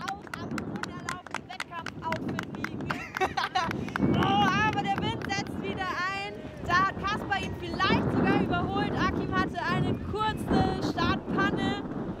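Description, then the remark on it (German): Steady wind rushes and buffets the microphone with a low rumble throughout, at a highline stretched high over a deep gorge in Mörsdorf in the Hunsrück, Rhineland-Palatinate, Germany, during a highline race, while people speak over it. “Kasper hat sich aber schon eingegroovt und kennt den Wind und die Line.”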